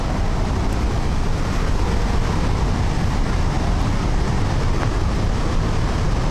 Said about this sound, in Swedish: Och man hör ju här vattenmassorna. Nu ser vi Handelsforsen också.